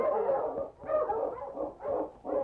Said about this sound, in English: He had stopped his dog team when, suddenly, Spot began to bark and pull on the leash that held him.